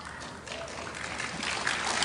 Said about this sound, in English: Minor applause, it's okay.